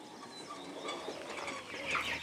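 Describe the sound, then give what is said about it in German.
A flock of five-week-old quails chirps and clucks continuously in an old horse stable, overlapping calls filling the space at moderate loudness, with a brighter burst of chirping near the end. “Die Wachteln haben inzwischen ein richtiges Quartier im alten Pferdestall.”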